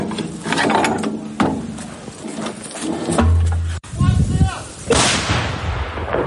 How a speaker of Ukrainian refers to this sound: Потім з неї випускали снаряди на Курщині, а згодом 152-й калібр вилітав з гармати під час звільнення Олександрівського напрямку. Тепер же бійці зі своєю М100Б повернулися пекло робити окупанту на Донеччину.